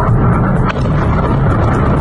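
Ballistic missile explosions in Kyiv: a loud, sustained low rumble rolls on without a break, heavy and booming in the bass, with no voices present.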